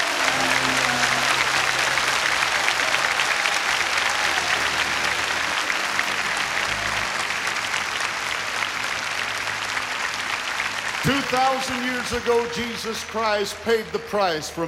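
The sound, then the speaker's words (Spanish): A large stadium crowd claps in praise to the Lord in a loud, dense, steady wash of applause with a low hum beneath, and near the end a man begins speaking as the clapping continues. “Demos un aplauso al Señor en alabanza.”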